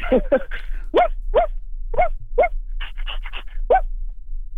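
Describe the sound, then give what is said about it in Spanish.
A voice imitates their own small dog barking, producing about a dozen high, yappy yips in uneven bursts, some quick clusters and some spaced apart, fairly loud. “vuelve a ladrar como Paco, pero sí ladra como Mickey Mouse”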